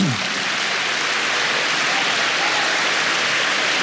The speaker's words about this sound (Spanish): Dele palmas al Señor.